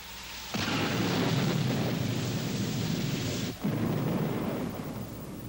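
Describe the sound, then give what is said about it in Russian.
A loud crash of thunder from a thunderstorm bursts in suddenly and becomes a sustained, roaring rumble. It dips briefly before continuing to roll on, with no voices present. “Я же говорил, что гроза нам поможет.”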